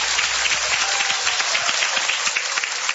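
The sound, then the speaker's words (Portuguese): Dense, steady applause from an audience at the Igreja Pentecostal Deus é Amor after a testimony fills the whole stretch, many overlapping claps forming a bright, continuous roar at even loudness with no voices on top. “Eu agradeço a oportunidade, as palmas, louvo o Senhor Jesus.”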